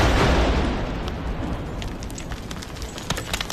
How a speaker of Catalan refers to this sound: I este és el so d'una de les detonacions controlades. Els artefactes, de 75 mil·límetres de calibre, estaven complets i amb tota la càrrega a l'interior.